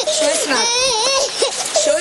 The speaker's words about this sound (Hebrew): בהגעה שלנו לגן ילדים אנחנו מורחים ריח חזק של סמים וצעקות של ילדה קטנה שבעצם מתחילה לפקוט. הצוות שנכנס בעצם לגן מתחיל לבצע סריקות. מהחלון אנחנו מזהים ילדה קטנה בת 4 כאשר היא בוכה והיא צועקת לעזרה.